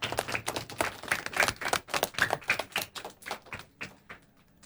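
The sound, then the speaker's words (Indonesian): A small group of children clap their hands in a quick, uneven patter of sharp slaps that gradually thins out and softens toward the end, with no voices. “Hebat anak-anak, tepuk tangan anak-anak.”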